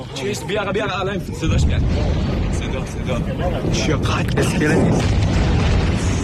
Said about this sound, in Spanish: Muchos son vídeos de las explosiones en la costa iraní difundidos poco antes precisamente por medios iraníes.